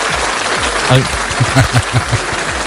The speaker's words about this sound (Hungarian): Nem, egyébként az idei díjazottak mindegyike nő volt. Na, hát gratulálom. Vagy nők által vezetett szervezet. Tapsoljunk meg nekik egyet.